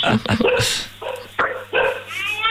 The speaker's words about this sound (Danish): Altså, hunde, kan vi høre.